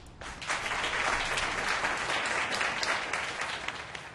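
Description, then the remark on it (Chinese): A crowd at a shopping mall groundbreaking ceremony claps in tribute to the vice-chairman's mother, a dense, crackling wash of applause that swells quickly after a brief pause and holds at an even, loud level for about four seconds, with no one speaking. “没有她就没有今天的严氏企业，请大家以掌声向他致上最高的敬意。”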